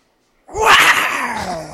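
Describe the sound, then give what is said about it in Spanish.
After a brief silence, a loud, harsh tiger roar bursts in, a single sustained growling call with a slowly falling pitch that fades slightly toward the end. “¿Cómo hacen los tigres, güey? Sí. A ver, hasta viendo un sonido de tigre.”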